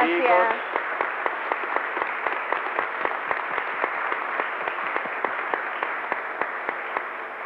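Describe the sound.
A large crowd claps steadily for several seconds, a dense, sustained wash of applause with a brief voice audible at the very start.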